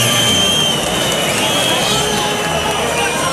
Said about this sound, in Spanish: Que el que se lleva los pitos es el toro, ¿eh? Se lleva una pitada el toro sobrero monumental.